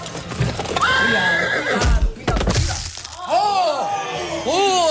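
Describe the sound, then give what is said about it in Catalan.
Horses pulling a carriage whinny loudly several times in rising and falling cries, with hooves clip-clopping and clattering throughout, a busy, continuous stretch of agitated horse sounds. “Després de tot el sidral, els nuvis se'n van del palau i a mig trajecte un dels conductors dels carruatge se li entortolliguen les regnes dels cavalls.”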